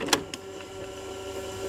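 A cassette tape is pushed into an old walkman from 1984: two sharp plastic clicks in quick succession, followed by a low, steady mechanical whir with a faint tonal hum that continues to the end.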